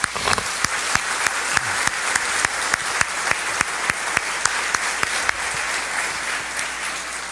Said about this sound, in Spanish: O sea que el aplauso sí es para ustedes.